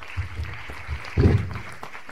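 Muffled audience applause at a lecture as a professor is invited forward to summarize, heard as soft low thuds of clapping that swell briefly to a louder burst midway before fading back down; no one speaks.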